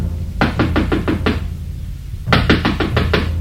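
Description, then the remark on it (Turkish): Two bursts of firm knocking on the wooden door of a tightly shut house during heavy rain, five raps then about a second's pause and five or six more, fairly loud with no voices. “Rokero, aç kapıyı, ben geldim.”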